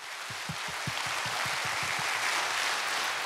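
A large crowd applauds steadily after vocal and instrumental ensembles perform Korean traditional boat songs at a Busan concert marking the 12th anniversary of Busan Gugak Broadcasting. It is a dense wash of clapping that holds at an even, fairly loud level throughout, with a rhythmic low thumping in the first couple of seconds.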